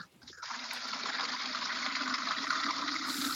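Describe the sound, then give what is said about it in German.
Water pours steadily into a bucket, filled to water young fruit trees, a continuous rushing gush with a hollow filling tone that starts abruptly and runs without a break, fairly loud, with no voices. “Das fülle ich auf einem Behälter aus, ich kübel das Wasser und tauche den Kübel zu den Bäumen hin.”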